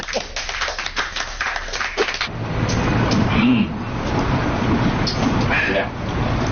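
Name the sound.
group clapping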